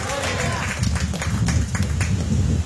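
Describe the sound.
An audience claps their hands as an offering of praise to God, in a sustained, dense burst of applause, steady and fairly loud, with a low rumble and murmuring voices underneath.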